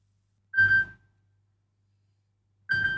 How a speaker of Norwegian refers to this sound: Det ringer, det ringer. Hør, hvem kan det være?